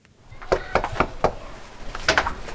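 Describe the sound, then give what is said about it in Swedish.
Green Party (Miljöpartiet) election canvassers knock on a front door in a terraced-house area in Gottsunda, Uppsala: four firm, evenly spaced raps, then a short pause and a quicker cluster of knocks, with a faint background hum. “Miljöpartiet knackar dörr i ett radhusområde i Gottsunda.”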